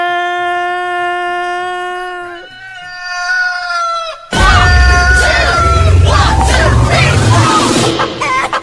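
A rooster in Waterbury, Connecticut crows loudly, one long, bright, strained call that holds its pitch and then dips, followed by a burst of harsh, noisy squawking and clucking.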